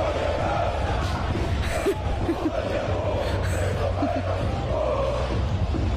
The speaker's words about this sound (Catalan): A veure, juntem proves dels crits dels ultres.